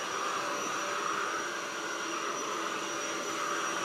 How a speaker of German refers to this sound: Unüberhörbar. Guten Morgen. Um 6.45 Uhr Staubsaugen. Ja, ich weiß auch nicht warum.